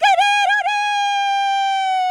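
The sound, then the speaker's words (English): A newsreader does a loud imitation of a rooster crowing: a few warbling notes at the start, then one long, high, sustained call that holds steady for about two seconds. “That actually is a great impression of a rooster.”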